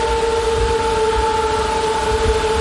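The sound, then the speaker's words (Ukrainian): A steady, high-pitched buzzing hum of military drones filling the sky near Dobropillia, Ukraine, once the weather allows, goes on without pause, its whining tones held constant over a low rumbling background, with no voices. “Щойно дозволяє погода, дрони сповнюють небо під Добропіллям. І їхній гул, здається, вже не змовкає ні на секунду.”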